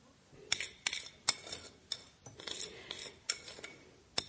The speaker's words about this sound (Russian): Она раскладывает на тарелке только что испеченные блины.